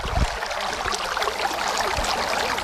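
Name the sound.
water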